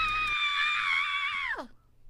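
A man lets out a single loud, sustained scream that holds steady for over a second, then drops sharply and breaks off, leaving near silence.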